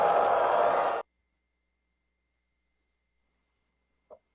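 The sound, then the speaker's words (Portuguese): A crowd at the parade on Avenida Paulista boos politicians loudly in a dense, sustained roar that cuts off abruptly after about a second, followed by silence and one faint, brief sound near the end. “Uma grande vaia para essas pessoas.”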